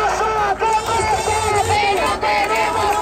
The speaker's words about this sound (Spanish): Se sonaba anoche la manifestación por la vivienda en Málaga